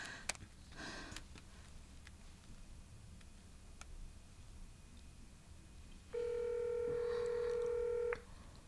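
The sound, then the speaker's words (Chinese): Soft scattered clicks and taps of a phone number being dialed, then a steady, loud electronic ringback tone with stacked harmonics sounds alone for about two seconds before cutting off; the call goes unanswered. “不行，我打给他。”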